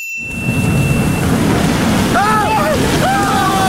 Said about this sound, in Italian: Ma che cazzo di onde ci sono? Non ho mai visto una cosa simile!